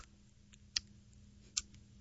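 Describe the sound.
A person in a studio imitates an alarm clock's ticking with sharp mouth clicks: two crisp ticks under a second apart, with fainter clicks between them over a low background hum.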